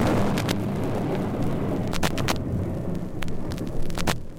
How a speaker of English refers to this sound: Oh, it's starting to rain.